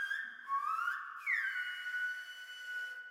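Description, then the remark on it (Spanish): A person whistles a tune, the clear tone gliding up in pitch and then holding steady, with no talking, moderately loud for about three seconds. “Era una pieza audio reactiva al sonido, es decir, el cuerpo y la iluminación del cuerpo, que era como el alma, reaccionaba al silbo y al canto, que yo silbo y canto, y el cuerpo se va, la luz se va reaccionando como si fuese el eco.”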